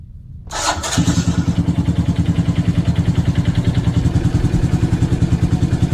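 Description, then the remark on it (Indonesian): A motorcycle engine being warmed up in the morning starts with a brief burst, then settles into a steady idle with a rapid, even putter that continues throughout with no talking. “Pak, pagi-pagi begini panasin motor, mau kemana, Pak?”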